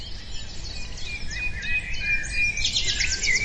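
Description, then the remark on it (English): A dawn bird chorus of many overlapping chirps, trills and whistles, steady and busy throughout, with a soft low rumble of outdoor background beneath and no voices. “As a newborn, he'd wake at dawn and we'd listen to the bird chorus together.”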